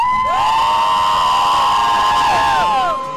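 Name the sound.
crowd shouting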